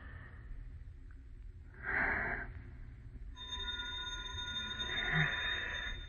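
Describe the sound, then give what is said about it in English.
A bell rings steadily for the last few seconds, a sustained bright metallic tone with several overtones, over a low rumbling background and a brief breathy noise earlier. “That's the bell.”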